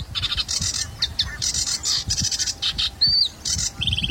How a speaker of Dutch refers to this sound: Ja, ook zwaar onder de indruk van de virtuositeit van de Rietzanger met al zijn belletjes en knorretjes en rateltjes.